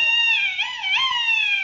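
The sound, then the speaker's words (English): A duck call carved from a turkey bone, blown in one continuous, reedy squawk, loud, its pitch wavering and dipping a couple of times before trailing off. “it was a duck call I carved out of a turkey bone”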